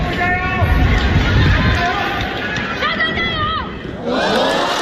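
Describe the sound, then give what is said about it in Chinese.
A large tennis stadium crowd at the National Tennis Center cheers loudly and continuously during a China Open men's singles second-round match between Bu Yunchaokete and Djokovic, a dense roar of many voices with shouted calls rising above it, swelling again near the end. “观众的助威声不仅给主场作战的步云朝克特，也给深受球迷喜爱的德约科维奇，两人不负众望，贡献了一场精彩的对决。”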